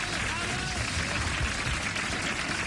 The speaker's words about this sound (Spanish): Los pingüinos que nos aplauden.